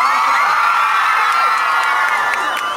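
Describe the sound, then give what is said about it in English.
A large crowd cheers and screams continuously at a concert as a singer is called onstage, a loud, steady roar of high-pitched voices with occasional piercing whoops rising above the din. “How amazing is this crowd?”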